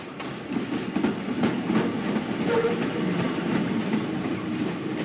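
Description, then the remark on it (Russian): A subway train rumbles steadily along the rails, a continuous loud low roar with faint rhythmic clacks and metallic squeals, heard from inside the moving car with no talking. “Метро, автобус.”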